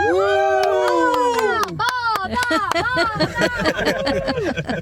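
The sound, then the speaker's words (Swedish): A family, including children, cheers and whoops together inside a car on its way to go swimming, overlapping rising and falling shouts with squeals and claps that keep up loudly for about five seconds. “Men kan vi inte jubla lite grann tillsammans så man hör att det här är en badbil på väg?”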